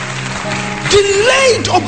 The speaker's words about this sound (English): I'm preaching better than you are clapping.